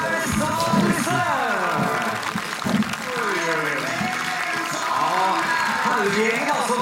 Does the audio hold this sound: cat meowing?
no